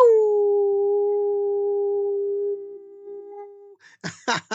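A single long, steady howl holds one pitch for several seconds, loud, then trails off, followed by a few short rough bursts of noise.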